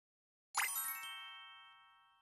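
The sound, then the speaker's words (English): A doorbell rings once as a new neighbor arrives at the door, with a bright, clear chime that sustains and slowly fades over about two seconds. Nothing else is heard and no one speaks. “Ding dong! The doorbell rings.”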